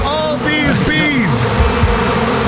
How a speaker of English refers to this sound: Yeah, bees. Yeah. It's bees.